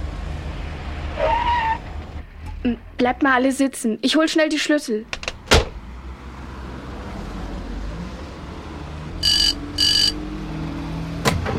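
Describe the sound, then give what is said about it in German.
A taxi rumbles to a stop at a house and a voice speaks briefly, then a car door thumps shut. Over the low idle come two short high beeps, window movement and a final sharp door slam. “Die sitzen hinten eng im Taxi.”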